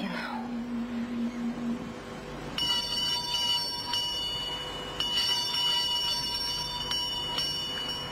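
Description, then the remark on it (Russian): A shrill electric doorbell rings in long, sustained bursts, starting a couple of seconds in and restarting several times with brief breaks, after a short low hum at the start. “Звонят, мне, пожалуй, лучше уйти.”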